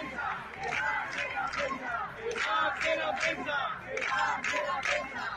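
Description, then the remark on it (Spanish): A crowd of protesters at an eviction in Madrid shouts chants together in loud, rhythmic bursts, demanding that the media be let through to document the eviction, many voices rising and falling in repeated cadence with brief pauses between phrases. “Esto gritaban hace unos minutos para que dejaran pasar a los medios a documentar el desahucio, porque los han retirado a un cordón policial alejado del portal de la casa.”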